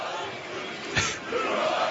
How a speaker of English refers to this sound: 11 homers, 42 ribbies, and there you hear the cheer.